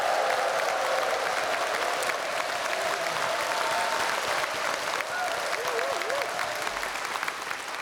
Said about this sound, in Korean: 예, 그리고 오늘 여기 안산시 시립 예, 국악단 여러분들의 70회 정기 연주회죠. 예, 정말 여러분 큰 박수 한번 환영의 박수 한번 부탁드리겠습니다.